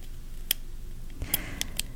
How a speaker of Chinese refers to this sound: 答案就是它是原子笔 ball pen 的声音哈。